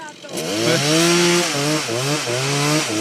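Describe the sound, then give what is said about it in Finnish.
A voice imitates a running chainsaw, a steady buzzing drone that revs up and down in pitch several times, loud, with no other sounds around it. “Annat sen soida vaan lisää niin kuin sen sahan.”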